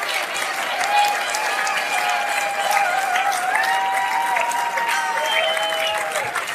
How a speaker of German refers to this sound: unsere Tänzer und Tänzerinnen einen riesen Applaus. Für unser Europapark-Tänzer und einen riesen Applaus für Julian David, meine Damen und Herren.